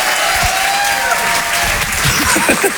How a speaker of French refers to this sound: C'était Guillaume Santou sur Rire et Chanson, on peut l'applaudir très très fort, bravo Guillaume.